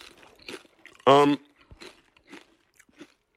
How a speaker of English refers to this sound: So, Miss Vicky's great crunch. Always. That's my favorite part of the Miss Vicky's potato chip.